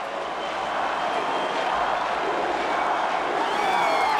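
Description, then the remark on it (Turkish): A large boxing-arena crowd roars and cheers continuously for the boxer Rocky, a dense, echoing, steady wall of voices that holds at the same loud level throughout. “Onları dinle. Halkımız ona tezahürat ediyor aptal. Duyar mısın?”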